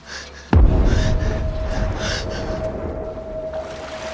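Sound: gasping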